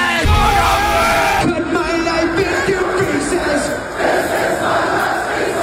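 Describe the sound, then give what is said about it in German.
A large festival crowd at Rock am Ring 2026 roars and cheers continuously, a loud dense wash of shouting voices that swells and stays steady throughout. “Das war Rock am Ring 2026. Rock am Ring!”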